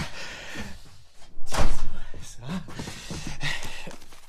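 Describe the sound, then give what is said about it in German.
The studio door at the NDR opens with a heavy clunk and a broad burst of noise, followed by some shuffling and muffled rustling, with faint background sounds and breathing. “Hier ist das Studio. Tür auf.”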